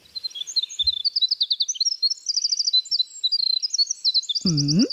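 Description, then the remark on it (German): A winter wren's long, complex song: a rapid, unbroken cascade of high, tinkling trills and buzzy warbles, loud, with a voice cutting in briefly at the very end. “Das ist zum Beispiel der Fall bei Winterzaunkönigen.”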